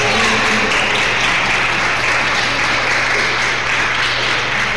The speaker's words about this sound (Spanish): Un aplauso para Jesús.